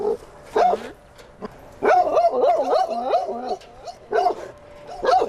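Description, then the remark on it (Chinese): A dog barks in short bursts, then lets out a longer, wavering run of yowling barks before a few more sharp barks at the end. “那对于有些狗狗来说，他就会产生一些行为上的问题，他可能会吠叫。”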